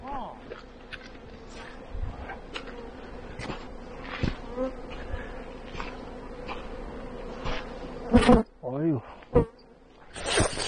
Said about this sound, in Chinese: 这个就是蜜蜂了，是吧？